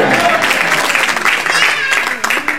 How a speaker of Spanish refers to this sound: ¿Cuándo pueden dar un gloria a Dios en la noche de hoy? Dar un aplauso fuerte al Padre, al Hijo y al Espíritu Santo esta noche.